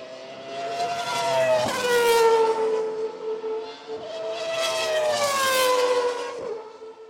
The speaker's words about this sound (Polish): czy potem wczesnych latach 2000, to będą pamiętać to słynne wrzeszczenie strasznie nakręconego silnika V10 Ferrari czy Renault, czy w pewnym momencie wszyscy mieli V10 praktycznie.